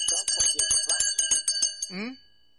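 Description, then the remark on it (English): A bell rings loud, struck rapidly about a dozen times in a bright, jangling trill that lingers briefly, followed by a short voiced sound as it fades; it is rung for a caller who answered all five questions. “May I give you a bell?”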